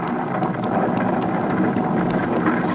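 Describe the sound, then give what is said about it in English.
A thunderstorm: heavy rain pours down in a dense, unbroken hiss while a low rumble of thunder rolls underneath, loud, with no voices. “Look at the lightning, Andy.”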